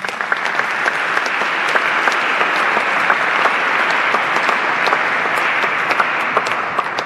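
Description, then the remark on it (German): Steady, sustained applause from an audience in a church, a dense wash of many hands clapping at an even loudness for several seconds with no voices over it. “Auch ein Applaus.”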